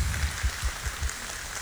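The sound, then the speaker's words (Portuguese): An audience applauds the Virgin Mary after the Hail Mary prayer during Mass, a steady wash of many hands clapping at once with soft low thumps underneath, holding an even, moderate level without any voices. “E uma salva de palmas à Virgem Maria.”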